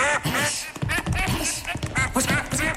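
A duck quacks loudly in a rapid, continuous series of harsh, nasal calls, with no talking.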